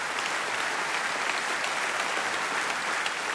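Steady audience applause, a dense wash of many hands clapping at an even level throughout, with no voices standing out.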